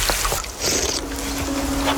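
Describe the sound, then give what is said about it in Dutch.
Water being scooped from a river in the Netherlands and sipped outdoors, with soft splashing and trickling over a steady wash of flowing water and a faint low hum. “Ja, jij drinkt hier dus uit een rivier in Nederland.”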